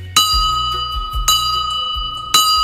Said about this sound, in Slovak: Čiže tento zvonec, na ktorý sme teraz zazvonili, tak to je originálny školský zvonec z tejto školy? Áno, je originál z tejto budovy. Roky tu visel, sa na ňom zvonilo.